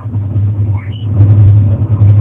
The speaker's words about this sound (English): Can you hear me okay? I'm in a new truck. New system here. Can you hear me? Oh yeah, it's a lot of background noise.